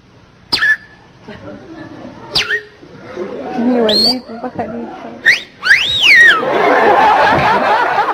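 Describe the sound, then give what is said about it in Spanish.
A person whistles and chirps in imitation of a flirtatious female bird whistling at a male bird: a string of short, sliding whistle calls, some swooping up and down, mixed with breathy giggly vocal sounds, fairly loud. “Y la pajarita toda coqueta le comienza a silbar, ¿no?”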